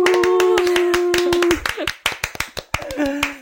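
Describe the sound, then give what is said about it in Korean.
A quick burst of enthusiastic hand clapping from a small group to open an interview, started after a count of one, two, three; rapid, with a sustained voice tone at the start and brief cheerful vocal sounds mixed in. “저희 그 박수로 한번 시작해 볼까요?”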